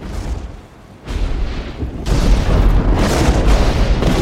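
A lightning strike hits a tree as power builds, with a sudden, violent crack, then a second, louder burst that swells into a sustained crackling roar over deep rumbling, loud, with no voices.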